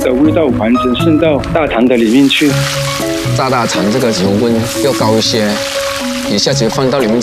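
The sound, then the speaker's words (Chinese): A steady, crackling hiss of pork large intestine deep-frying in high-temperature oil, after being cleaned, boiled and braised in brine. The fairly loud sizzle runs continuously beneath a prominent voice and melodic background sounds. “炸大肠这个油温要高一些，一下子放到里面去炸，口感都是脆脆的，吃起来也没有这么油腻。”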